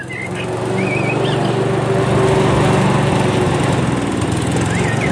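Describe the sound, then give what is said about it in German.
A lawn mower engine drones steadily in spring, loud and continuous for the whole stretch, with faint bird chirps in the background and no talking. “Die ersten Rasenmäher sind aus dem Süden zurückgekehrt.”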